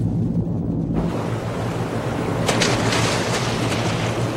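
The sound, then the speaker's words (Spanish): A torpedo launching into the water: a sudden, loud rush of churning, hissing water surges in after a moment, brightening into a sharper burst midway and continuing steadily, with no voices. “Lanzamos el proyectil.”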